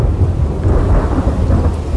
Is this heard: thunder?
yes